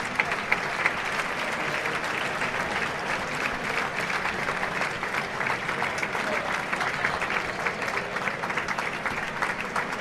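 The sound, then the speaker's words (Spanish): A large crowd in a bullring gives an ovation after the bull falls, a dense, steady ovation of clapping sustained for the whole stretch without pause, loud and even, with faint murmuring voices mixed in. “Recibo la ovación.”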